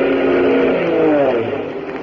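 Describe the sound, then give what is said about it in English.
A loud, continuous drone from an army plane's engine as it comes toward the listeners: a rough, buzzing roar whose tones bend slightly in pitch, easing off a little near the end. No one speaks. “A plane. It's coming this way. They see us. It's an army plane.”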